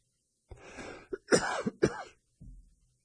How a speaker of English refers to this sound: I apologize for my cough. I've been having this cough for about 2 weeks now and can't seem to shake it, so I do apologize.